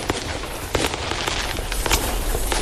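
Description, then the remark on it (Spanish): Firecrackers and fireworks rockets popping off repeatedly, a dense crackling barrage with sharper bangs now and then over a steady rumbling background. “Sonaron. Ya soltaron los cohetes. Sonaron los cohetes.”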